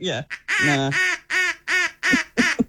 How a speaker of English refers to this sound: Speaking of ducks.